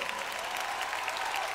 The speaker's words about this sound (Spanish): Un fuerte aplauso para esta orquesta, por favor.